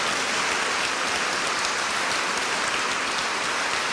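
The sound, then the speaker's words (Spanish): Dense, steady crowd applause given to Christ the victor fills the whole stretch, a continuous wash of many hands clapping at even loudness, with no voices standing out above it. “Denle un aplauso a Cristo vencedor.”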